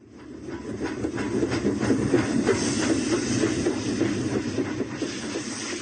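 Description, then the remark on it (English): A steam train hisses and chuffs in a steady rhythm as it pulls away, the noise swelling loud, then holding without any voices. “The boy with a notebook wrote down his poem and caught the train.”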